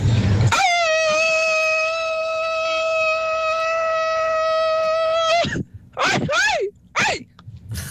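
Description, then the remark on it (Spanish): A single loud, strained vocal cry held steady for several seconds, ending in a few short, sharp bursts that sound more like a sneeze than a proper shout. “Bebé, parecía estornudo ese en lugar de grito.”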